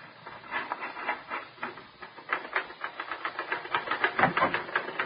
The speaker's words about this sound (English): sit down at that typewriter and write an honest story for change.